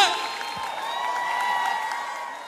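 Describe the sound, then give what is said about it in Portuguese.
A crowd at a live morning show cheers and applauds a singer being introduced, with sustained high-pitched screams and whoops rising over a dense wash of clapping, loud and continuous for the whole moment. “Os aplausos de vocês pra essa voz potente!”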